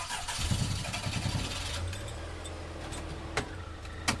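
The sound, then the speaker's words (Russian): A Zhiguli car engine cranks with a quick run of rhythmic churning pulses, then catches and settles into a steady low idle, with a couple of faint clicks near the end. “Плахов развернул «Жигули», протяжно посигналил на прощание и направил машину в распахнутые ворота.”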